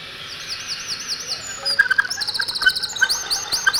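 Birdsong rings out clearly in a played music recording, track 2 of a record: a run of repeated rising whistled notes gives way to brisk, busier chirps and trills, bright, with no voices present.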